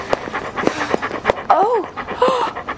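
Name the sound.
dog panting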